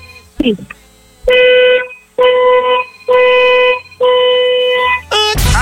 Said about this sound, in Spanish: Perfecto, muñeca, vamos a necesitar, por favor, que nos des cuatro bocinazos de tu auto bien fuerte, largos. Cuatro bocinazos largos ahora.